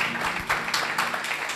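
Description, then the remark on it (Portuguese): An audience at a church service applauds to praise God, a steady, dense wash of many hands clapping together, fairly loud and even throughout with no voices standing out. “Glória a Deus, aplauda mais forte, Jesus.”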